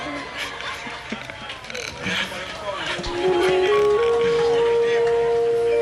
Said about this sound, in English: The cow has just answered me.